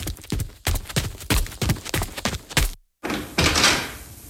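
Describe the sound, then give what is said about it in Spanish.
A rapid series of heavy, hollow thumps as boxes are set down one after another near a door, then a brief silence and a rushing scrape or shuffle. “Cuidado con esas cajas. Colóquenlas allí cerca de la puerta y dejen de hacer ruido.”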